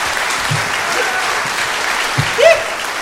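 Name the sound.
audience clapping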